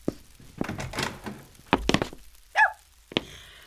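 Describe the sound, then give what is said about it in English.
A press gang pounds heavily on the door of a boarding house, a series of loud, irregular thuds, with a brief squeaky creak between the last blows. “I hear you. Don't break my door down.”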